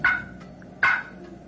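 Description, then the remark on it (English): Two short, sharp wild turkey clucks made on a box call, fairly loud, spaced nearly a second apart, each a crisp woody pop with a brief ringing tail; no talking. “That's a cluck.”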